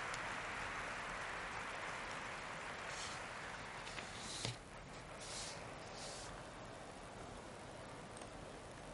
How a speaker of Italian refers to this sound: Ecco l'apertura, ci colleghiamo in diretta. C'è l'applauso.